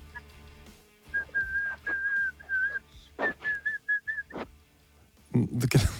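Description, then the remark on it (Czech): A person whistles a short, improvised tune, steady held notes giving way to a run of quick chirpy notes, ending with a burst of louder noise. “Prostě si jen tak pískáš, protože, a teď schválně, máš dobrou náladu.”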